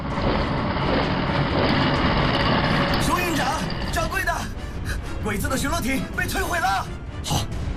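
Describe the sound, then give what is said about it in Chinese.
A heavy armored car engine rumbles loudly and steadily, with shouting voices breaking in over the grinding noise during the second half. “是，装甲车，跟我来。”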